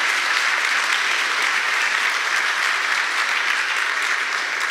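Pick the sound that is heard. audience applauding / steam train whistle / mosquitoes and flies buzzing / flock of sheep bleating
audience applauding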